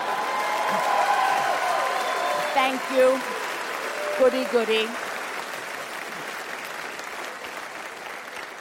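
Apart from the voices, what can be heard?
audience applause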